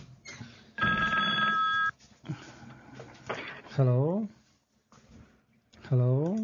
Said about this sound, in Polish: O, to oznacza chyba telefon.